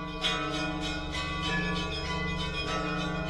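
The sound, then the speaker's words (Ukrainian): Church bells in Ukraine peal steadily and loudly, with overlapping strikes in a quick, continuous rhythm and a rich, sustained ringing that hangs in the air. No voices are heard. “Церковні дзвони були звуком віри і добра.”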